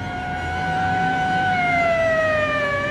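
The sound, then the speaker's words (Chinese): A police car siren wails in one long, loud continuous tone whose pitch slides steadily downward as it passes and pulls away, over a low rumble of traffic. “警车拉着长长的警笛，又呼啸着驶去了。”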